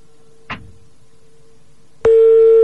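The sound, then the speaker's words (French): A phone line rings out with no answer: a steady low electronic tone hums throughout, a brief burst sounds early on, then a much louder, buzzy ring tone cuts in and holds. “Sinon, qu'on pose au dos, j'ai l'impression qu'il va pas décrocher cet enculé.”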